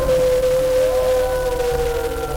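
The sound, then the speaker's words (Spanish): A single long wolf howl holds a steady, pure pitch with a slight rise partway through, loud, with a low rumble underneath and no talking. “Yo también soy lobo. Yo igual. Ahora también soy lobo. Yo también. ¡Aú! Somos lobos.”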